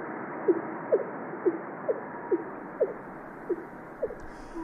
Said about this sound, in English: Many thousands of whale calls. Also on the fin whale, which is sort of a lump, lump.